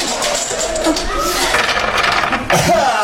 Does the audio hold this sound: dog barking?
no